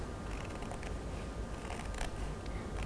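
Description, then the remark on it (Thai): Quiet, steady crunching snips of scissors cutting a curved line through the top corner of a paper plate to make an elephant mask, a continuous cutting texture with small clicks, no one talking. “เด็กๆเราก็จะค่อยๆกางกรรไกรแล้วก็ตัด”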